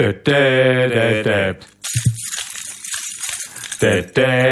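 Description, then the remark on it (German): A bunch of keys jangles and clinks for about two seconds, bright and close, between short stretches of a voice singing or humming before and after. “So, und immer wenn ihr unsere Schlüssel jetzt hört, dann macht ihr das mit Nudelpackungen.”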